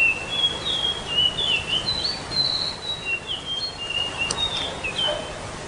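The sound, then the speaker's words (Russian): A bird, not an especially rare species and one kept in zoos, sings a series of thin, high-pitched whistled and chirping notes in quick succession, clear over a steady background hiss, with no talking. “Давайте послушаем, как она поет.”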